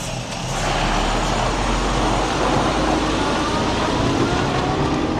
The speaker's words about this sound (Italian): Il proxim camion vegn ed eu continuescel mia spasegiada in direcziun blatten.